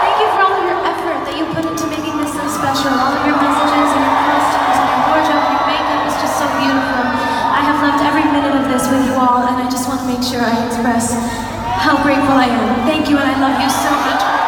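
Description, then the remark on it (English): A large concert crowd at the O2 Arena in London cheers and screams without pause at the last show of a tour, high-pitched whoops and yells riding over a steady, loud roar that dips briefly before swelling again. “She thanked her cheering fans at the O2 Arena.”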